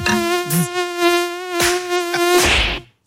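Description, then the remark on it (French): A mosquito's high, thin whine drones steadily for about three seconds, fairly loud, with a few faint clicks and rustles underneath and no voices. “Comment se débarrasser efficacement des moustiques ?”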